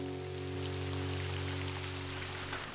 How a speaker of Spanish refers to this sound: ¡Ay, ya me cansé de ver llover, Dizzy! ¡Yo también! ¡No ha dejado de llover!